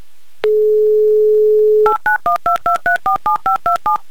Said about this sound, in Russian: настоятельно попрошу подойти к своему мобильному телефону, потому что я набираю его номер.